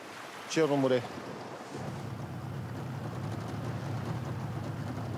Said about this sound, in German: Nach 5 Minuten Bootsfahrt haben sie das heutige Fanggebiet erreicht.